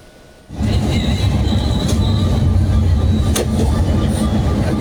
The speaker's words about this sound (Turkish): işte bu görüntüler Van ve Bursa seferini yapan bir otobüsün içerisinden. Görmüş olduğunuz gibi otobüs seyir halindeyken, otobanda seyir halindeyken yolcu otobüsü değişimi yapılıyor.